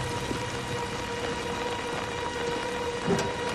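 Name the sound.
heavy rain downpour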